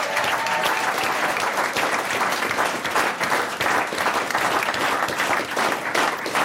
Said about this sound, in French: On a eu beaucoup de plaisir à organiser ça avec lui et je pense qu'on peut l'applaudir oui, bien fort.